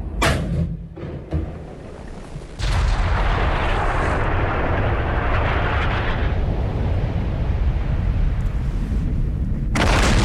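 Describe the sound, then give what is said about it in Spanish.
A heavy cannon blast in central Santiago booms out, followed by a long, loud rumbling roar that fills the air for several seconds before a sharp cutoff. No one speaks. “Era un cañonazo.”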